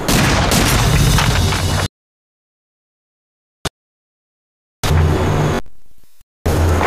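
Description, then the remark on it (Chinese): Loud, dense gunfire crackles in sustained bursts, broken by a silent gap with a single sharp pop, then the harsh barrage returns, fades briefly and resumes. No one speaks. “鬼子听见枪声，赶过来了。”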